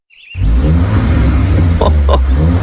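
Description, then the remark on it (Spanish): After a brief thin whistle, a loud Renault Kardian car engine roars to life and holds a steady, deep revving rumble, with a couple of faint clicks over it. “Y sí, Renault Kardian es el ganador del premio auto del año 2025.”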